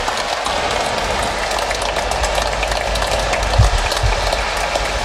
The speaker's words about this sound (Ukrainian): Я покажуся і на знак вдячності за оплески вклонюся.